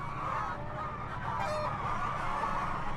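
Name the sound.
chickens clucking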